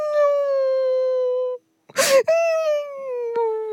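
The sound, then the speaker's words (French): A long, steady wailing howl with clear harmonics breaks off, followed by a sharp noisy gasp, then the drawn-out crying wail of a furry character resumes, loud. “Toudou, explique-moi pourquoi tu pleures comme ça.”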